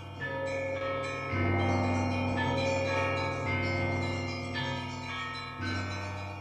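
Church bells ring out in overlapping, resonant peals, with fresh strikes roughly every two seconds over a sustained humming wash of tone. Fairly loud and full, with no voices.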